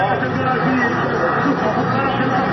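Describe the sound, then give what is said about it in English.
Dense crowd chatter fills a busy cafe in Cairo's historic Heliopolis neighborhood, Egypt, where a packed crowd watches a Brazil-Norway World Cup game over hot drinks and bubbling shisha pipes; many overlapping voices blend into a steady hubbub with no single speaker standing out. “This cafe in Cairo's historic Heliopolis neighborhood, hot drinks and shisha pipes are bubbling as the packed crowd watches Sunday night's Brazil-Norway game.”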